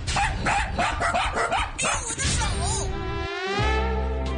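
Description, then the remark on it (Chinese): The neighbour's Doberman, Dahei, off its leash, and another dog, Ruidi, bark in quick, loud bursts in an elevator, the barking then breaking into drawn-out whining yelps near the end. “电梯门一开，邻居家的杜宾犬大黑窜了进来。哎呦，大黑也没带牵引绳，瑞蒂与大黑的战斗号角可就吹响喽。”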